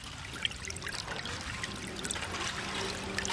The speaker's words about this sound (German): Und dann ist es soweit. Das Wasser ist da. Es drängt sich zwischen den Lücken der Spundwände hervor. Durch das Hineintreiben der Stahlgiganten hat es sich leicht getrübt.